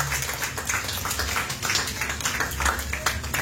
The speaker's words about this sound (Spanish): Hay una ofrenda de palmas al Señor.